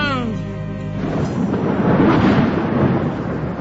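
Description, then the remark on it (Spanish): A brief voice at the start gives way to a deep, rolling rumble of thunder that swells and sustains, loud, as the sky clouds over before rain, with no rain yet audible. “Porque parece que va a llover, el cielo se está nublando, ahí anda la nube, no vaya a ser que se te moje, sale, vale.”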